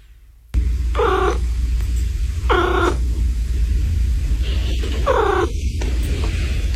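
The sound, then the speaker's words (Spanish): A cat gives three short chirping trills, evenly spaced, each a quick rising warble, over a steady low rumble of background noise. No one speaks. “Por favor, volvamos a escuchar el gorjeo.”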